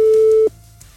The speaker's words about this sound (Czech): Tak, telefon zvoní, není obsazeno, ani vypnuto, což je dobrý krok na začátek. Ještě aby to někdo taky zvedl, že jo?